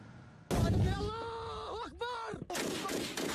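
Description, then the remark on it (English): A sudden loud burst of artillery fire in fighting between Houthi and Yemeni government forces on front lines in Yemen booms out and rumbles on, with raised, shouting voices wavering over it before a second heavy blast hits near the end. “Heavy clashes and artillery fire have returned to strategic front lines.”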